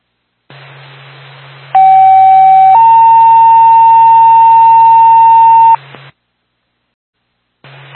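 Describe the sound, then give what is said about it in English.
Two sustained electronic paging tones from Twin State dispatch to Twin Mountain Ambulance in sequence over a hissy radio channel: a steady pitch for about a second, then a slightly higher one held for three seconds, ending in static. “Stand by for tone.”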